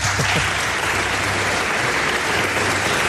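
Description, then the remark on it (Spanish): An audience on a programme claps steadily for a male guest, a dense, even wash of many hands at a constant loud level with no voices breaking through. “Nos he pedido un aplauso para él, creo.”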